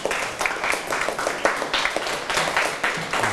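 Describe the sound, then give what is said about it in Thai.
A class of students applauds themselves after answering all ten quiz questions in a lesson, a dense, steady patter of many hands clapping at moderate loudness throughout, with no voices standing out above it. “ใครตอบถูกหมดทุกข้อบ้างครับโหเยอะแยะมากเลยเกือบทั้งห้องโอเคเอาเงินลงเก่งมากๆเลยครับปรบมือตัวเองดังๆเลย”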